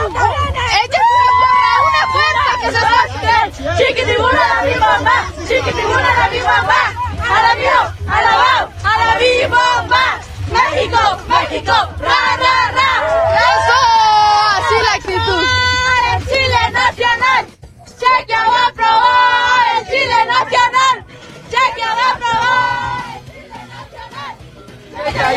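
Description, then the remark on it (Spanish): A large crowd of Mexico football fans at the Fan Fest in the Zócalo cheers, yells and chants in the rain almost without pause, many overlapping voices rising and falling loudly, with one brief lull before the roar resumes. “Así es lo que se vive en el Fan Fest del Zócalo.”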